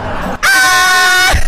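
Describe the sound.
A person lets out a loud, sustained high-pitched yell lasting about a second, a strained attempt at a festive Mexican grito, with a brief breathy lead-in before it.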